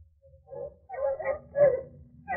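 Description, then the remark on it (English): Several bloodhounds bay in a string of drawn-out, mournful calls that rise and overlap, fairly faint, with no voices present, as they follow a trail through the woods in the dark. “What's the matter with the dogs, Captain? Why are they stopping?”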